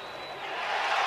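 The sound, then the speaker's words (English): A large baseball stadium crowd in Chicago roars in a dense, steady wash of cheering and voices after Cleveland's replay challenge fails, swelling slightly louder toward the end with no single voice standing out. “You can hear the crowd here in Chicago.”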